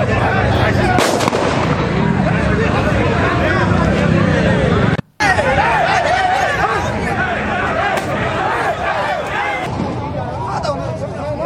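Sharp gunshot bangs of rubber bullets being fired burst out a few times over a loud, chaotic crowd of shouting and chatter during a brawl between players and fans after a match in Luque, with a brief cut midway.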